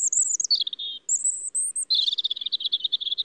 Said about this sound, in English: These are two different robins, the first in a city, the second out in nature. New research shows that some city birds are actually changing their songs.